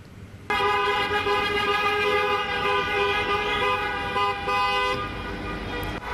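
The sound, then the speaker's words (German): A motorcade of dozens of cars and motorcycles in Serbia, a pro-Russia rally with Russian and Serbian flags, passes with horns blaring continuously, loud, sustained honking layered over engine noise for several seconds with no one speaking. “Auf den Aufnahmen sind Dutzende von Autos und Motorrädern zu sehen.”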